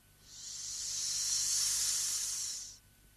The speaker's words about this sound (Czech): Jenom tenkej pramínek páry, co se prodírá ze škvíry. No, kdyby se vzala pára v truhličce.